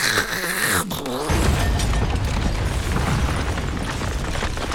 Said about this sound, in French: C'est le plafond qui est tombé sur la tête du voisin.